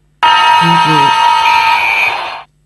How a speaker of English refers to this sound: Oi, that's the full-time siren.